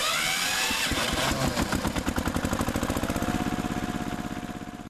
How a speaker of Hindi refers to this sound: ठीक है पिताजी मैं ट्रैक्टर स्टार्ट करूँ, चलो बैठो तुम इस पर को। हाँ चल भैया घर को चल रहे हैं।